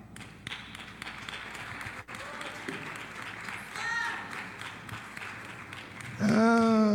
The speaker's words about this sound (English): that clap don't fit.